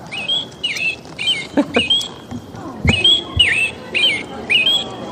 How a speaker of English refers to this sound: Hey, for those of you that don't know, that's the beautiful state bird of my beloved Michigan.